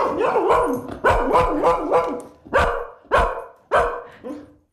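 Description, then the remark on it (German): A dog barks loudly, a quick series of about eight sharp, harmonic barks in an uneven rhythm, with no voices in between. “Dann ist eure Katze jetzt möglicherweise irritiert und euer Hund horcht auf. Wir können es mal ausprobieren.”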